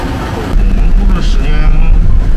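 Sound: garbage truck driving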